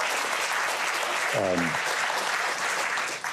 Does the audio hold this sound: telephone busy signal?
no